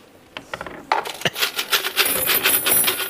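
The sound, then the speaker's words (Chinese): A big cluster of metal keys, one kept from each rented home over many years, jingles and clinks as it is picked up and shuffled around, a bright, continuous jangling with a few sharper taps near the start. “妈呀，这咋这么多钥匙呢？”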